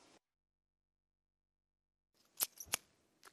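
Two crisp, quick scissor snips close together after a stretch of silence, followed by a fainter click, sharp and close with no voices present.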